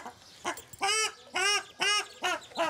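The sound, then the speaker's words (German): A mother ruddy shelduck, swimming protectively in front of her six ducklings while animal keepers try to catch her, calls in a steady series of about six loud, nasal, honking notes, each rich and slightly rising, with no talking. “Mama Gans schwimmt schützend vor den Kleinen.”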